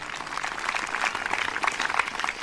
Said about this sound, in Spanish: Dele fuerte ese aplauso si es para el Señor en esta noche.